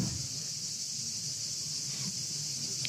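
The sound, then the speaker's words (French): Many cicadas in Aix-en-Provence buzz in a steady, high-pitched drone that runs unbroken through the whole clip, with a soft low rumble beneath and no voices. “On est en Aix-en-Provence et il y a beaucoup de cigales autour de nous.”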